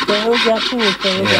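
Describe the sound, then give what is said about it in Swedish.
A hand saw cutting through wood with quick, rhythmic back-and-forth strokes, about five rasping passes, with a faint tonal squeal riding on each stroke. “Då får vi såga dig.”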